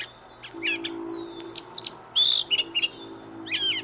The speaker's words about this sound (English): blackbird we hear is the brown thrasher. It likes to sing from the top of a tree.